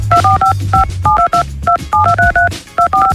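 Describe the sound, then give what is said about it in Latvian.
A rapid, rhythmic run of loud telephone keypad beeps, about a dozen short dual tones, plays as a contest game signal on radio SVH over a low, steady music bed, with no talking. “Tieši tas, ko tu dari, klausies radio SVH, tad jāsagaida īpašais spēles signāls, ko es tev tagad raudzīšu atskaņot.”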